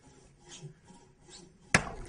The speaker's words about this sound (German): Also beim Sägen, da weiß man, da gibt es noch eins, durchsägen und das nächste nehmen.